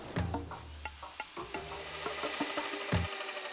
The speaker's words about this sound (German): Eine andere Baustelle. Hier geht's aber mächtig voran. Die Elefantendamen können da nur mit dem Rüssel schlackern. Ihr Außengehege bekommt eine Rundumerneuerung. Sonnensegel, neue Zäune, mehr Transparenz für die Wände.